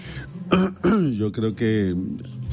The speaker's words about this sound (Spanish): ¿Qué le pasa? ¿Se siente bien? Es una tos ahí.